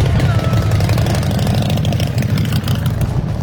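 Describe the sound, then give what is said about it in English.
Hundreds of motorcycle engines idle together in a steady, loud, rumbling drone, with a continuous low throb and faint mechanical rattle throughout, at a summer bike night event in Smiths Falls with 18 blocks closed. “On the first Wednesday of every month throughout the summer, hundreds of motorcycle drivers gather for this event.”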